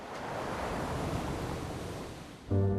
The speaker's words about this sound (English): He trudges over the stony beach as the waves crash in.